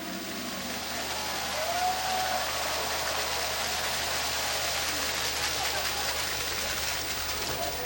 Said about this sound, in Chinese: 让我们以热烈的掌声欢迎各位领导、各位来宾和所有朋友的光临。